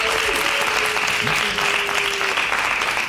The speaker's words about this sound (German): Wir kommen zu der Abstimmung. Ist es für euch der Quader? Dann lärmt bitte jetzt.